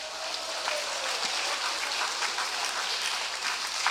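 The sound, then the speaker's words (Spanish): An audience claps steadily together in praise of the Lord, a dense, even wash of many hands with no pauses, sustained at a constant level for several seconds and no voices standing out. “¿Cuánto damos palmas al Señor?”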